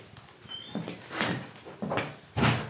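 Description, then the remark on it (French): A door being opened and closed, with a faint high squeak, a few rustling, scraping movements, and a heavier thump near the end. “Là, la porte là.”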